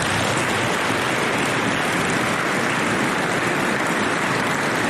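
A crowd applauds for the Dragoon families, with dense, steady clapping that keeps an even loudness from start to finish. No voices are heard.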